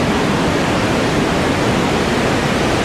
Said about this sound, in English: I did a little research, and I found out the top three things that people listen to go to sleep at night. Okay. Number one is white noise.